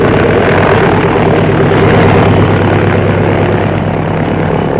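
A small propeller plane's engine roars steadily and loudly, a constant droning buzz with a low rumble throughout, as the aircraft quickly takes off and climbs away from the city of Tuxtla Gutiérrez.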